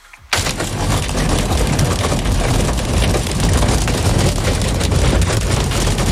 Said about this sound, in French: C'est la grêle.